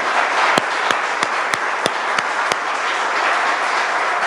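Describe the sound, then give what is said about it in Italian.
Sustained applause from an audience, a dense wash of many hands clapping at steady loudness, with a few sharp, louder claps standing out near the start, as Base Popolare vice secretary Dante Monda is called to the stage. “Continuiamo l'applauso per Dante.”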